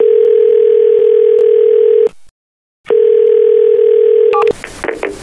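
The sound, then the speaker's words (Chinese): A steady telephone ringback tone plays while a call is being placed to a supplier's manager: two long, loud, unbroken bursts separated by a short silence, ending as a voice briefly comes on the line. “哎呀，我可以厚着脸皮打电话，但是能不能要下来我不敢拍胸脯了。”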